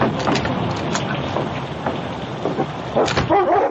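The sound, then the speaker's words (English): A violent storm rages, with a dense, steady roar of heavy rain and a low rumble of thunder underneath, ending with a brief howling, whistling swell of wind. “A violent storm was raging.”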